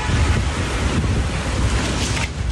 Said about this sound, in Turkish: Bir saat içerisinde il genelinde birçok noktada ağaçlar devrildi. Sarıyer'de saatteki hızı 50 kilometreyi bulan şiddetli rüzgar ağacı devirdi.